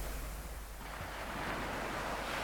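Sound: sea waves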